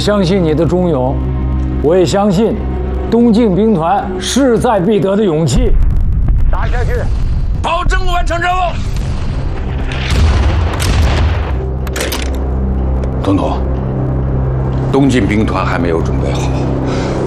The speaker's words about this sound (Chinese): 这提前响起的炮声，就是我们为党国的国庆献上的贺礼。